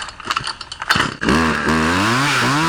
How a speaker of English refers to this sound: We actually have the sound, though. This is the actual sound. We have a... Here she is. She did it with a chainsaw.